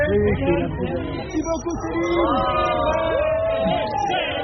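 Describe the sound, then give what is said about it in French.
A crowd of Céline Dion's fans murmurs and stirs outdoors in front of her Parisian palace hotel as her vans approach, a dense babble of many voices with occasional excited calls and whoops rising above the steady hubbub. “Chaque fois que sa myriade de vannes s'approche du palace parisien, un frémissement traverse la foule qui espère avoir droit à un moment privilégié.”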